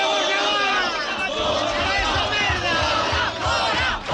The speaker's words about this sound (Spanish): Centenares de manifestantes convocados por una ventana de colectivos sociales impedían este lunes la celebración de un acto de la ultraderecha de Vox en Santiago, donde estaba prevista la participación de Jorge Buxadé.